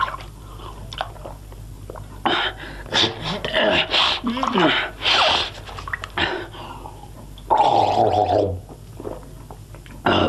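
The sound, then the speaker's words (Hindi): Someone splashes water on their face and gulps it down, with irregular bursts of wet, noisy splashing, breathy snorts and swallowing, and one longer, louder splash toward the end. “हाँ हाँ पानी पी और मुंह भी धो ले साथ में।”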